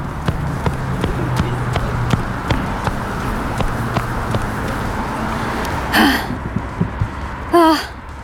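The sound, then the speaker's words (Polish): Steady, rhythmic footfalls of someone running, more than a minute into a 12-minute run, with a constant breathy rush, then two loud, ragged gasping breaths near the end. “Już trwa ponad minuta biegu, ale mam wrażenie, że to może być wyrównany pojedynek.”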